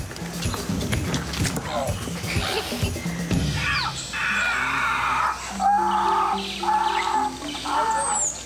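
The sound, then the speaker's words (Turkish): Hunters' voices imitate monkey calls to lure monkeys in a forest: a series of loud, repeated hooting and wailing cries in the second half, following a stretch of rustling and movement. “İlk başta bunun bir maymun olduğunu düşündüm. Ama belli ki bunlar maymunları çağırmaya başlayan adamlar.”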